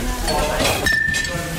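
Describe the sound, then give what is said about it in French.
Metal cutlery clinks together briefly, with a faint ringing tone lingering afterward, set against background voices in a kitchen. “Là les couverts ils sont là.”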